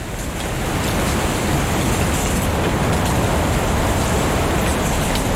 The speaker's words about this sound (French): Le bruissement du vent fait tomber les feuilles.